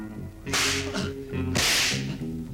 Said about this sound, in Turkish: Paşam, hala konuşmadılar. Konuşuncaya kadar kırbaçlayın.